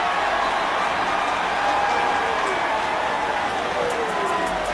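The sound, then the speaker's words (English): A stadium crowd cheering as Washington players point after a pile-up at the goal line, where Washington appears to have recovered the ball. The cheering is a steady, dense roar that holds at an even, fairly loud level for the whole stretch, with no clear individual voices standing out. “Washington pointing, the crowd cheering.”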